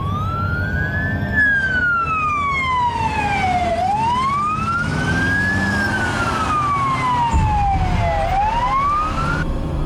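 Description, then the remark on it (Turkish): A loud vehicle siren, switched on while overtaking a bus, wails in slow rising and falling sweeps, repeating over and over above a steady low rumble of engine and road noise, with no voices. “Aç sirenlerin sesini, şu otobüsü solla.”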